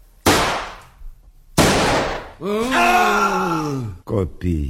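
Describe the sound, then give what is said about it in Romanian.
As a stage curtain falls, two loud gunshots ring out a second or so apart, each a sharp crack with a trailing echo, followed by a long wavering groan and a couple of short vocal gasps. “În același timp, cortina cade și se aud două împușcături.”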